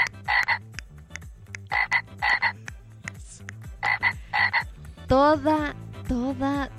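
Small frogs croak at night at the window of a house during the rainy season, a steady, overlapping chorus, with paired bursts of rapid calls repeating rhythmically over a pulsing low background, then a couple of louder, rising, whistle-like calls near the end. No talking.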